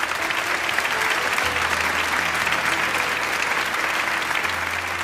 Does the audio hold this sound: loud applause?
yes